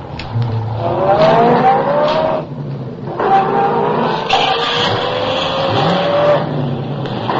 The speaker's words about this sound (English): I had been spotted. The chase was on. I pushed the accelerator to the floor and drove for all I was worth.